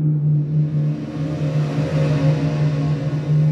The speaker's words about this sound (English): The endless drones of engines, from the early morning to the late evening, can be really annoying, right?